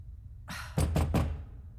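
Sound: knocking on a door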